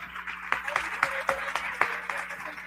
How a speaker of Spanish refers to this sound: Muchas gracias, maestro. Un aplauso para el maestro.